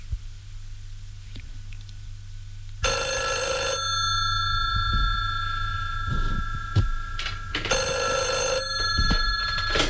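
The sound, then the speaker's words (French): An old-fashioned telephone bell rings in two long, loud metallic bursts separated by a short pause, over a steady low hum in the background. “La sonnerie du téléphone retentit.”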